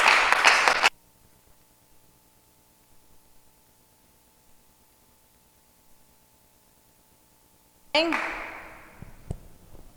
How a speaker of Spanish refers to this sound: ¿Cuántos podemos darle palmas al Señor porque Él es bueno? Nuestro Dios es bueno.